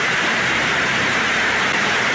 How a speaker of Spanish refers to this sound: Póngale el sonidito que sonaba. El techo. De la lluvia. Vea, fuerte en Buena Fe. Estaba fuerte la lluvia allá.